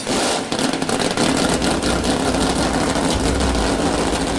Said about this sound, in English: We've just got two things to say. God bless America, and gentlemen, start your engines.